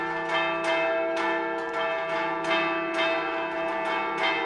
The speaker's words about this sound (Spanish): Suenan las campanas, tradición también en este programa. Antes de que termine el Tajaraste de hoy, suenan las campanas de la Catedral Lagunera, porque el Cristo ya está en la calle.